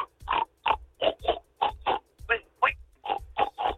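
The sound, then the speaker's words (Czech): A person imitates a pig as an entry in a pig-imitation contest, a Vršovice entry, grunting out a quick, steady string of about a dozen snorty oinks, fairly loud, with brief gaps between each grunt. “Kouty, tady …, tak jedno vršovický prase.”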